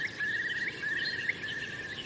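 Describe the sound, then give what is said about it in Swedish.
A Eurasian curlew gives a faint, sustained whistled trill on one high pitch, wavering slightly and brightening in short bursts, over a soft outdoor hiss with no talking, on a cold morning of about 2–3 °C in open fields with a stream, among forested hills. “Och storspåren.”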